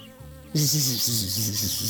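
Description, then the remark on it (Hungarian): A bee buzzes loudly with a steady, wavering hum that starts suddenly after a brief, quieter lead-in and holds its pitch with slight rises and dips. “Én nem vagyok olyan álomszuszék, mint a többi, döngécselte a hullatag virágbokroknak.”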